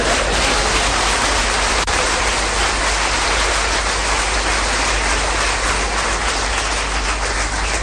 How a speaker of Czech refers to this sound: Děkuji vám, vážení přátelé, že jste mě uvítali potleskem.